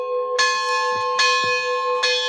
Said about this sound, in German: dass es wenigstens zu Pfingsten ruhig bleibt und ausschließlich der Klang der Glocken zu hören sein wird.